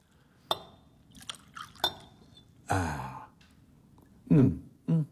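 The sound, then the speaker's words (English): A couple of sharp glass clinks, then a brief gurgling pour of brandy into a glass, followed by a contented sigh or breathy exhale near the end. “May I pour you one?”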